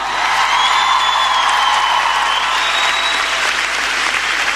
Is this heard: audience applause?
yes